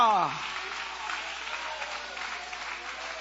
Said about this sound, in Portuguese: Levanta a mão e aplaude a Ele, glorificando o nome dEle. Aleluia!